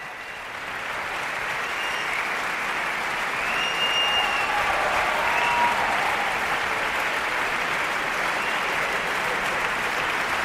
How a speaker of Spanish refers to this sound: Se van levantando las secciones de la orquesta, por eso se escuchan más y menos aplausos. El maestro Bloch les va presentando a todos ellos por la interpretación, como decimos, de esta segunda sinfonía de Mahler